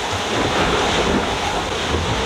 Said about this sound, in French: Bah là, ça fait 3 jours qu'on a du vent un peu fort. C'est cool parce que le bateau glisse, il vole même un peu, on fait des gros surf.